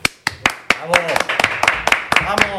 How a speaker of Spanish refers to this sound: Cada día suena más cutre el tema de los aplausos.